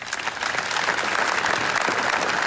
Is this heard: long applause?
yes